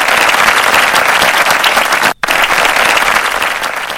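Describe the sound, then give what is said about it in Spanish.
Steady, dense applause from a large crowd, loud, with many hands clapping continuously and a brief cut near the middle before the clapping resumes, given as a welcome. “Me encanta la bienvenida, con aplausos y bueno, poder disfrutar, integrarnos de lleno a esta tarde bonita con los grandes éxitos que juntos vamos a escuchar.”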